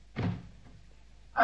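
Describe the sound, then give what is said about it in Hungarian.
A door is opened with a short, muffled clunk and rattle, followed by a quiet pause and then a brighter scraping knock as the sound resumes. “Nyisd ki az ajtót. Hadd jöjjön be a meglepetés.”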